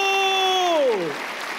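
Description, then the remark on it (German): An audience claps steadily for the performer Bumillo, a dense crackle of many hands, while a loud tonal sound holds its pitch and then glides sharply downward over the applause. “Klatscht, jetzt hält Bumillo Hof.”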